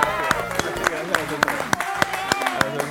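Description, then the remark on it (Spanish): An audience claps together in a steady, even rhythm, about three claps per second, loud, over a bed of tonal music and crowd noise, applauding Usman Umar and actress Emma Vilarrasao. “Un aplauso para además una actriz maravillosa, Emma Vilarrasao.”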